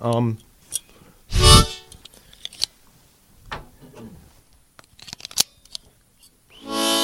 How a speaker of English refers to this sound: Okay. Now, I'm going to put my guitar down.